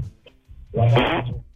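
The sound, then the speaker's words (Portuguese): A loud, buzzing fart about a second long from a caller on a radio phone-in line, rising abruptly with a raspy, flapping texture, heard through a thin, phone-like line with no talking over it. “Ai, o cara peidou isso na minha frente.”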